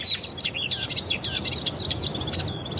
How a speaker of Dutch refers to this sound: stolp hoort een tuinfluiter. Die hoorden we net ook in de reportage van Gert Elbertsen.